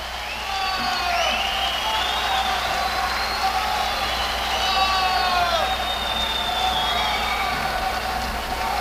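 A steady wash of audience applause and cheering for a band rises within the first second and holds throughout, with shrill whistles and voices sliding up and down above the dense roar.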